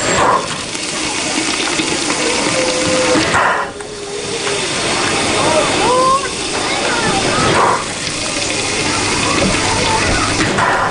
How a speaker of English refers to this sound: The steam-driven locomotive with coal burning in the firebox idles at the station, chuffing out gray smoke.